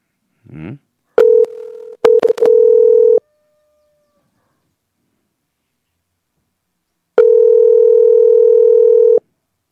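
A phone line ringback tone of an unanswered outgoing call sounds twice, each a steady two-second buzz separated by a long silent gap. Faint clicks overlap the first ring, and a brief voice is heard at the start.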